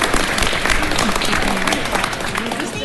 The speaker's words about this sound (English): A little round of applause for all of you that are here. Thank you.